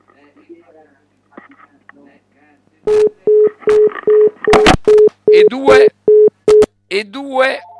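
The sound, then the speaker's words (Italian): After a quiet, murmuring start, a steady run of short, evenly spaced telephone tones sounds loudly, mixed with sharp clicks and bursts like a phone line dialing and ringing, as the next phone call is taken. “Grazie mille e andiamo con la prossima telefonata.”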